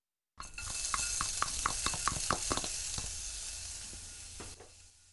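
Finely chopped ginger sizzles steadily in a hot pot, added to release its aroma before minced meat is stir-fried. A bright crackling hiss with small pops and clicks scattered throughout, fairly loud, fading slightly near the end, with no voices.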